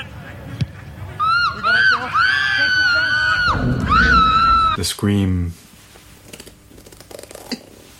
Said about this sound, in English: The scream. The scream is often treated as some kind of insurmountable, impenetrable obstacle, pure white noise, force that is beyond analysis and unworthy of any kind of interpretation.